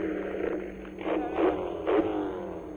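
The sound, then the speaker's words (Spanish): The winning race car's engine roars as it accelerates to the finish, its buzzing whine climbing in pitch through two loud surges before settling into a steady, sustained drone. “Ahí llega acelerando todo el ganador.”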